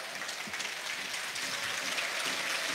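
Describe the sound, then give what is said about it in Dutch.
A large football stadium crowd applauds substituted player Chris Lokeza as he leaves the pitch and passes the main stand, a dense, continuous wash of clapping that holds at an even level from start to finish. “Ondertussen het applaus voor Chris Lokeza.”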